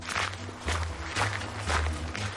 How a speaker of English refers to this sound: The three little pigs ran through the forest. Behind them, they could hear the wolf's footsteps.